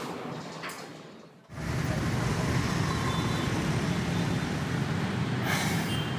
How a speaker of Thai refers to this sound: กรุงเทพเนี่ยเมื่อไหร่จะเลิกรถติดเนี่ย